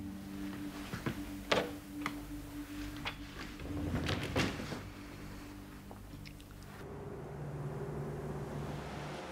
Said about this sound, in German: Entschuldigung, wären Sie so lieb, machen Sie die Tür zu.